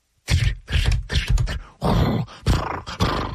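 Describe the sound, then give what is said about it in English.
A voice imitates a moose galloping down a street, snorting: a quick run of about six harsh, breathy blasts through the nose, loud and rough, with gravelly low grunting underneath. “And a moose came galloping down the street, breathing out of its nose, bro.”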